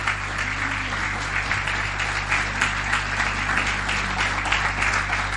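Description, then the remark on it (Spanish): An audience at a morning church service applauds the Lord and his word, clapping steadily for several seconds in a dense, even wash of many hands with no pauses, over a low constant hum. “¿Cuánto le dan un aplauso al Señor en esta mañana? Un aplauso a su palabra.”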